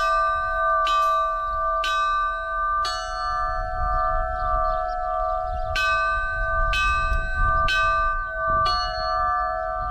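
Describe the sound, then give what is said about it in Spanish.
Two church bells, one higher-pitched than the other, ring a short repetitive motif meant for one hour before an eclipse, striking in turn with a steady rhythm, each strike leaving a long, humming resonance that overlaps the next, over a low rumble of background noise. “Es un motivo, son dos campanas, luego hay dos sonidos, ¿no?”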